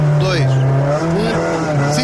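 A rally car at the Rally de Portugal: its engine drones loudly and steadily, its pitch wavering as it revs, with brief high-pitched tire squeals cutting in over the roar.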